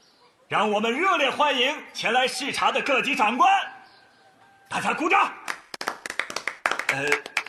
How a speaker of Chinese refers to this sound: 让我们热烈欢迎前来视察的各级长官，大家鼓掌！同学们，掌声热烈一点！